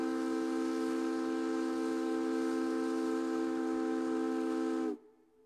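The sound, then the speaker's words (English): A Puget Sound ferry's steam whistle sounds one long, loud, steady blast with rich harmonic tones and a breathy hiss, holding for about five seconds before cutting off abruptly. “Did you know that Puget Sound ferry captains once navigated in the fog using echoes from their steam whistles?”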